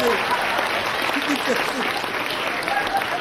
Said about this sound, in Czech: Čemu tleskáte, paní?